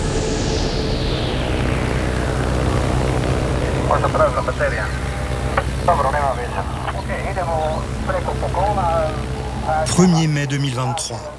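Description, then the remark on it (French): A small blue and white six-seat Cessna propeller plane drones steadily over the thick Amazon rainforest canopy in southern Colombia, its engine hum loud and continuous, pitch sliding down at first as it passes; a voice talks over the engine noise for much of the time. “Au sud de la Colombie, un petit avion bleu et blanc survole l'épaisse canopée de la forêt amazonienne. C'est un Cessna, dont l'habitacle contient seulement 6 places.”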